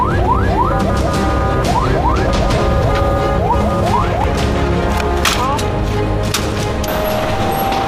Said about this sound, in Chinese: 血氧稳定，救护车得以继续行驶，急促的警笛声响彻天际，与死神的赛跑，赢了就意味着争取到了活下去的希望。